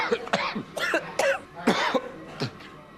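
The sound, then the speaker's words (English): A series of harsh coughs caused by chili fumes while making chilli sauce, around five or six bursts in quick irregular succession over a few seconds, with no talking in between. “More cough.”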